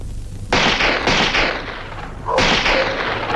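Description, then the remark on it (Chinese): A burst of gunfire breaks out, several sharp cracks firing in quick succession over a continuous noisy roar, with a second loud volley following about two seconds later. No one speaks. The shots are fired on purpose by Li Qingshan, Han Laoliu's henchman, to create chaos. “这时枪声大作，其实这是韩老六的心腹李青山为了制造混乱特意打的，老百姓都跑了”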